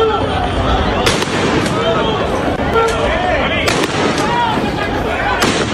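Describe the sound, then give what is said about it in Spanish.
Three sharp, loud warning gunshots crack out a couple of seconds apart during a street clash with police, over the constant roar of an agitated crowd, with shouting voices and babble filling the background. “El texto dice que hubo hasta disparos disuasorios.”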